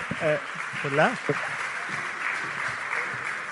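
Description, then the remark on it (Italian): Steady audience applause fills the whole clip as Valérie Ayé, president of the Renew Europe group in the European Parliament, is invited onto the stage, a dense even patter of many hands clapping, while a voice calls out briefly over it at the start. “Un applauso.”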